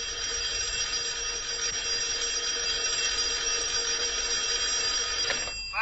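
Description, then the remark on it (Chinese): An old-style telephone bell rings loudly and continuously with a call from the supply department, a steady metallic trill that keeps going for several seconds with no pause and no voices over it. “供应处来了电话。”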